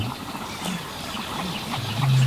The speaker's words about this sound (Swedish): Men vi hör en ny art faktiskt, skäggdopping. Ja, just det. Ja, lite sträva. Precis. Skällandet.